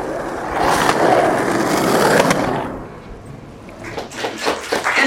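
Skateboard wheels roll and rumble along the pavement of the Venice Beach boardwalk in Los Angeles, with clacking board hits and scrapes, then faint murmuring voices outdoors.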